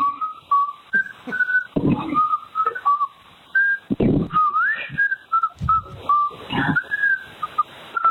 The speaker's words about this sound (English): So is this an Oregon whistle battle? That's a whistle war. A whistle war?